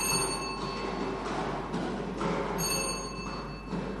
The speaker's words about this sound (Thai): พนักงานออกเลขรางวัลจะได้ทำการหมุนอุปกรณ์วงกลมเป็นครั้งที่2